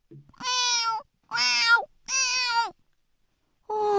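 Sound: cat meowing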